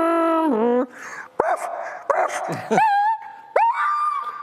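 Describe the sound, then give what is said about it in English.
A person vocally imitates a car hitting a dog as a party trick: a wavering, screeching wail followed by sharp yelps and high, drawn-out whimpering cries, loud for about four seconds. “You had party tricks. Car hitting dog.”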